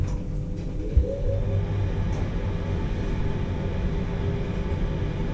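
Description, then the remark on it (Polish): An elevator ventilation fan runs with a steady, low droning hum, constant, with a single brief knock early on and no voices. “Wyłączę wentylator.”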